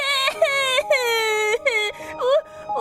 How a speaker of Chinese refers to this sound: 忘记告他哭声扰邻罪了。哦，每天只会哭，是以为泪水可以洗刷霉菌吗？